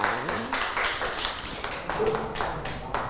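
Children at school clap their hands for a child in a steady, fairly quick rhythm of a dozen or so claps, moderately loud, with faint voices underneath.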